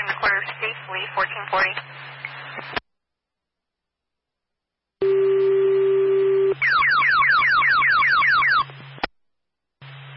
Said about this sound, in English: Repeat the tones for Claremont Fire. Respond back to the Claremont Middle School, 107 South Street for a smoke investigation.